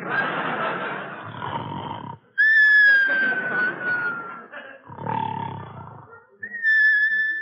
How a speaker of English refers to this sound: Now come the whistles.